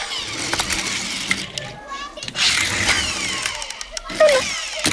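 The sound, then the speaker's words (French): Small motors buzz and rev continuously, with rising and falling whines as toy cars zoom back and forth, fairly loud, with a brief lull in the middle. “Mon doudou est peut-être en train de jouer aux petites voitures.”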